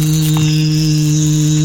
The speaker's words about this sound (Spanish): Uy, un mosquito. ¡Ay, sale mosquito! ¡Ay! ¡Sale mosquito! ¡Ay! Mira el mosquito andando. Un mosquito. Sí, lo sentí.